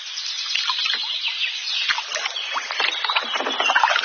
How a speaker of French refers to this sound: Non, pagaie à droite et à gauche. Moi, je vais pagayer à droite, tu vas pagayer à gauche. Et moi, je vais m'occuper de faire tourner le bateau.